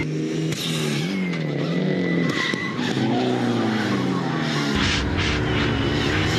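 A rally car's engine roars with shifting harmonic tones while its tires scrape and skid across the surface as the handbrake locks the rear wheels, loud, continuing for several seconds with no talking.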